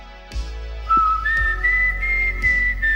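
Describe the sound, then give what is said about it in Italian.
A clear whistled melody of sustained, pure tones that step upward and hold, whistled by a girl on a porch in the evening, with faint background noise and a few soft knocks, no speech. “Piano piano diventa anche brava questa bambina, comincia a inventare melodie fischiettando, e una sera, mentre è lì che fischia una melodia su quel portico, succede una cosa strana. Il bosco le restituisce quel fischio.”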